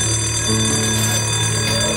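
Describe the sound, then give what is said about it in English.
A school lunch bell rings steadily for two seconds as a teacher finishes a classroom self-esteem game, a loud, continuous electric ringing with dense buzzing overtones and a low hum underneath, with no voices. “The teacher completes the self-esteem game as the lunch bell sounds.”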